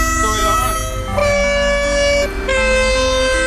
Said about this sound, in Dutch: Een trein. Komt een trein voorbij. Hoor je dat? We hadden die mooie toeters.